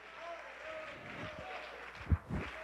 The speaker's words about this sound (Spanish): Dele ofrenda de palmas al que vive.